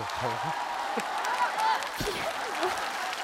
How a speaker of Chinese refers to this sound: 你看你看，爸给你鼓鼓掌行不行？